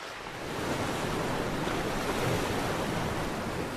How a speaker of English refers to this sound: 作品里边有个声音装置，随着不同的风量，它会有不同音节的一个水的声音。是微风吹过我们水面，可能声音很小，到风量很大的时候，会有一个比较浑厚、比较汹涌的一个黄河的水声。